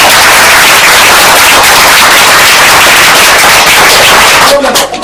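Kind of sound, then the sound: crowd, applause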